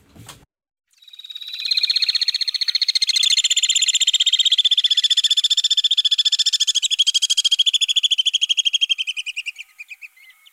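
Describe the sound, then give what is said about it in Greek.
Alpine swifts, the largest swift species, the birds seen over Pedion tou Areos, give a long, shrill, rapidly pulsing trill that runs for about eight seconds, holding a high pitch before slowing and dropping slightly at the end. No one speaks. “Είναι οι βουνοσταχτάρες.”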